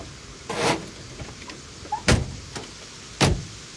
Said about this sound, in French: Ils vont frapper à la porte.